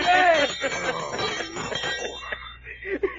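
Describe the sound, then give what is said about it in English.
A dinner gong rings loudly, its bright metallic tones shimmering and sustaining, with further clanging strikes blending into a continuous ringing that gradually thins out. “Well, this here, sir, is a dinner gong.”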